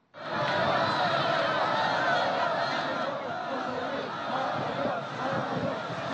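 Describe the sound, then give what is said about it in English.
A large crowd of well-wishers in traditional costumes, lining the route of President Xi Jinping's motorcade to Mulan Hall, fills the air with continuous, overlapping voices, cheering, chattering and laughing, loud throughout with no single speaker standing out. “crowds of well-wishers dressed in traditional costumes lined the route.”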